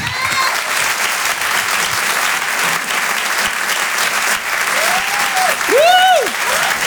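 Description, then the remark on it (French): Loud, sustained applause from an audience at the Rire et Chanson Comedy Club fills the whole stretch, a dense steady clatter of clapping with a few whoops and whistles rising over it toward the end. “Merci d'applaudir très fort s'il vous plaît.”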